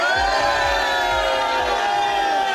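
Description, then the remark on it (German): A large crowd in Bayersbronn cheers and shouts loudly, making noise to show how many people are there, a dense, sustained roar of many voices with rhythmic low thumps pulsing underneath throughout. “Jetzt kann man dieses Licht natürlich schlecht beschreiben im Radio, aber was man ganz gut machen kann im Radio, man kann zeigen, wie viele Leute da sind, indem all diese Leute hier in Bayersbronn mal ordentlich Lärm machen.”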